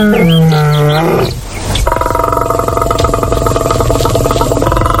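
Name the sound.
lion roaring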